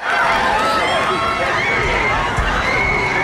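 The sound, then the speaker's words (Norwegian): A large crowd of supporters at Slottsplassen roars and cheers continuously, celebrating the homecoming of the Norwegian national football team after a World Cup quarter-final; a dense wash of overlapping shouting voices with high whoops rising above the steady, loud din. “Supporterne møtte opp for å feire hjemkomsten av spillerne, som mange mener har gjort tidenes norske fotballbragd med kvartfinale i VM.”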